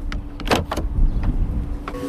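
A Waymo self-driving robotaxi parks on the street, and its door handles extend automatically with a couple of short motorized whirs and clicks, followed by faint mechanical ticks over a low idling hum; no one speaks.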